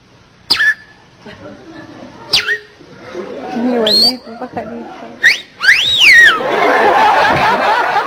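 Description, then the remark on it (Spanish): A person whistles playful, bird-like chirps and rising-falling trills imitating a flirtatious female bird, a few short sweeps then a longer warbling run, fairly loud, with breathy vocal sounds between the whistles. “Y la pajarita toda coqueta le comienza a silbar, ¿no?”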